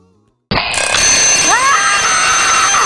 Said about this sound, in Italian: Risveglio drammatico? Il mattino non puntare la sveglia.